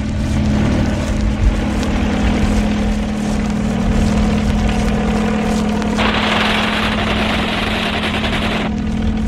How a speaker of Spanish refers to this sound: El helicóptero vuela casi al ras de las rocas.